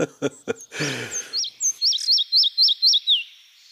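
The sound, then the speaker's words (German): A woodland bird sings a song strophe: a steady series of about six bright, high whistled notes that ends on a lower slurred note, following a brief burst of low rustling sounds. “Und wenn Sie also mal diese Strophe hier hören, dann wissen Sie, Sie sind im tollen Wald.”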